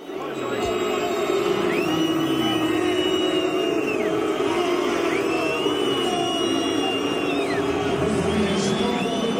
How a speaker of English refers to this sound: Many World Cup fans are booing midway through the 45-minute halves. That's because they're opposing FIFA's newly introduced hydration breaks.